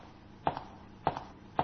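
Three approaching footsteps fall in a steady, evenly spaced rhythm, each a short soft thud with a slight scuff, fairly quiet against a low background hiss, with no voices.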